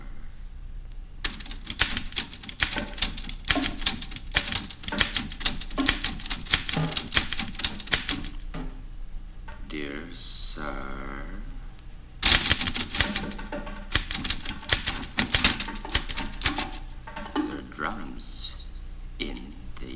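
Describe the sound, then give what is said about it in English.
Rapid typewriter keystrokes clack in two long bursts, separated by a brief pause filled with a sliding, whirring mechanical sound before the typing resumes at a steady, busy pace. “In this typewriter.”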